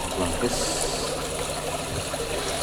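Water is shared out, pouring in a steady trickle into small polystyrene cups, a continuous splashing stream lasting a few seconds, with a faint murmur of voices in the background.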